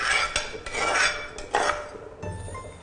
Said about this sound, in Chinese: 就把这个米，我们就进到这个绿豆汤里边了。绿豆海鲜汤，来，你直接加进去。